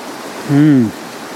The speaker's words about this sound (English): Probably where the sluice is, where the water rushes down. What do you like about that area? The sound and the sight, the combination of the two.